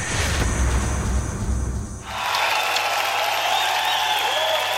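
A large audience applauds loudly and continuously to welcome a singer, the clapping dense, with crowd noise and some cheering swelling in as it goes on.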